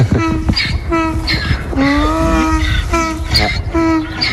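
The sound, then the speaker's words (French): A donkey named Sirène brays loudly and at length, its call alternating between a rasping inhaled wheeze and a higher, droning honk in a repeated see-saw rhythm. No one speaks. “Et on va voir les ânes quand même, on va leur dire bonjour.”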